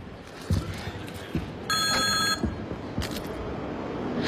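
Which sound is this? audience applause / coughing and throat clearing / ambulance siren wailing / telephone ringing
telephone ringing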